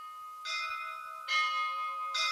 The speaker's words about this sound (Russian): Вы слышите колокола? Похоже, что они зовут меня.